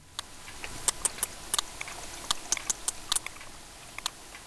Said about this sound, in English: Also on the Newsroom, whales have regional dialects. But is this sperm whale from the east side of the Mediterranean or the west?